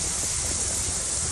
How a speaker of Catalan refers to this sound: Aquest que sentiu era el so de la pluja a Mahó, però més que l'aigua, allò que ha fet més mal ha estat el vent.